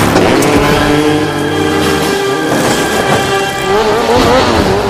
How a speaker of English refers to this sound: rides the motorcycle off the shrine